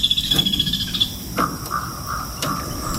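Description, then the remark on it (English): A kingfisher flits past, bobbing just above the water of the Ausable River in upstate New York, giving a series of sharp, chattering calls in short repeated bursts over a steady high buzz and a low wash of outdoor background noise. “Then a kingfisher flits past, bobbing and chattering just above the water.”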